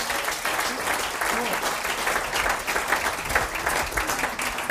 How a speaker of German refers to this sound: Einen Applaus